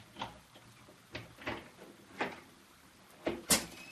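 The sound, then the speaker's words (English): A door is unlatched and opened: a series of sharp clicks and rattles of the lock and handle, ending in two louder knocks as it swings free. No one speaks. “Please, Mrs. Sullivan, could you open the door? Oh, all right.”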